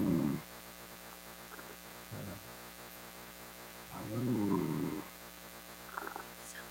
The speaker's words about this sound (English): Oh, is he asleep? He's got snoring problems. It's a blessing.